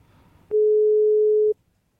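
A single steady telephone call tone sounds for about one second, loud and clear, an unanswered call's beep, with faint low background noise before and after.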